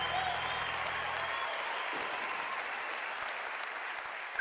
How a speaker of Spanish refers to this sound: Un aplauso para Abel, más fuerte.